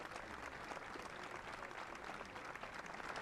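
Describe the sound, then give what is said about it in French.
Sustained audience applause as the Pope hands someone a rosary, a dense, steady patter of many hands clapping at once, filling the whole stretch without pause at a fairly even loudness. “Et le pape lui remet un chapelet sous les applaudissements et il demande au pape de bénir un objet de piété qu'il tient en ses mains.”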